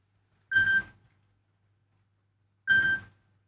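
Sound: telephone ringing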